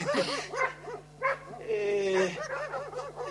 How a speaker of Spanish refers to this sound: Señorita, ¿por qué ladran vuestros perros? ¿Hay osos en la ciudad?